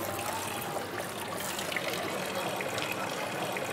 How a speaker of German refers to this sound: Ist der traumhafte Brunnen? Ist es nicht so? Oh, ist der schön. Schön. Trinkst du Wasser? Es ist sauber. Kann man trinken? Ja, kann man trinken. Es ist sauber Wasser.